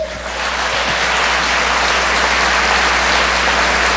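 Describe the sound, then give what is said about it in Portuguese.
A crowd claps steadily, a dense, even wash of applause that holds at a constant loud level for several seconds with no voices over it. “Você não vai aplaudir, não?”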